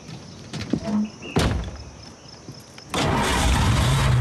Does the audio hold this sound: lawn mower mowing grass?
no